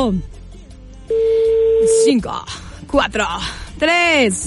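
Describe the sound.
A steady telephone dial tone hums loudly for about a second, cutting off as lively voices start talking over the line.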